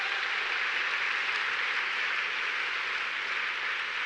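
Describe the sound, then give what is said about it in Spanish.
A church audience claps steadily as applause for the Lord, a dense, even wash of many hands that holds at a strong level for about four seconds, with no voices over it. “Dele un aplauso al Señor en esta hora.”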